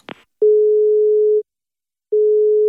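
A phone line's ringing tone of an outgoing call from the Radisson SAS hotel in Oslo: a steady, single-pitched electronic beep lasting about a second, a short pause, then another beep. A brief click comes just before, and no one speaks.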